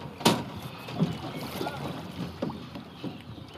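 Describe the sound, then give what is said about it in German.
A rowing boat moves along the Main river during rowing training, with steady water wash, faint wind and a few soft knocks and splashes from oars at irregular intervals, no voices. “Die haben dann ihr Boot rausgetragen und sind auf den Main, um zu trainieren.”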